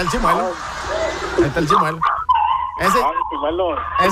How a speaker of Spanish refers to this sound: El chimuelo es el perrito. No vayan a pensar mal. Oílo, ahí está el chimuelo.